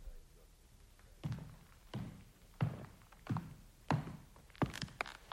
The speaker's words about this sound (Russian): Слышу шаги по коридору. Медсестра идет.